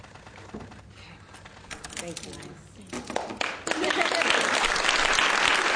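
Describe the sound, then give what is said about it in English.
Scattered clapping begins amid murmur, then swells into loud, sustained applause from a large crowd, many in lab coats, as an abortion bill is signed into law, dense and continuous through the final seconds. “And I want you to actually see that moment as it was signed into bill, as applause would broke out.”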